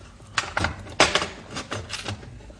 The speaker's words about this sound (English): Now, plain, ordinary door with the padlock. We unlock it.